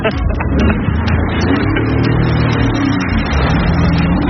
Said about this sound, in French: Je teste pour la première fois le jet ski.